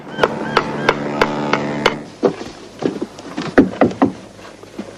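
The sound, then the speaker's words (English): A man up on the roof of an accountant's office next to a hotel hammers at a roof tile: a steady run of sharp, ringing taps roughly every third of a second, then a looser flurry of duller, irregular knocks, moderately loud. “They head inside Urquhart's, the accountant's, next door, while up on the roof, a man hammers at a tile.”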